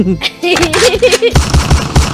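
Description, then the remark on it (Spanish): A voice cries out briefly, then a loud, rapid burst of automatic gunfire sound effects rattles on continuously, like a machine gun firing a long volley. “Ahí estamos con los balazos.”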